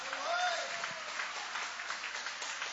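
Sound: audience applauding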